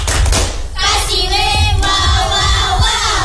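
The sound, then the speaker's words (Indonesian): A group of children in a lesson chanting the 'Tepuk W.O.W.' clapping chant loudly together for three classmates, with rhythmic clapping and thumps, their voices shouting in unison through a busy, crowded burst of sound. “Tepuk tangan dulu.”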